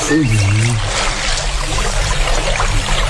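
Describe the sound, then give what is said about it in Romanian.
Water churns and slaps steadily against a bank, a dense, continuous wash without pause. A voice briefly sounds over it at the start. “Uite-te cum bate malul ăsta răpus.”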